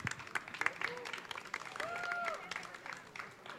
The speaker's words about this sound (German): Ihr habt ja nun am meisten hier hinter den Kulissen mitgewerkelt und dafür gesorgt, dass das alles hier ordentlich über die Bühne geht. Mein Gott, dafür mal einen kräftigen Applaus, bitte.